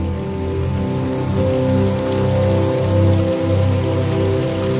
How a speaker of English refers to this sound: Oh, this one. Okay, this one sounds nice. A little running water.